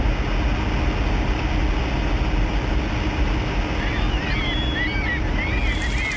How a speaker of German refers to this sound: Erst nahm der Wind zu, dann setzte auch noch Regen ein und im Nu war der Horizont nicht mehr zu sehen.